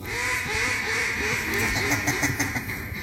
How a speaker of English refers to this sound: You got the duck call right.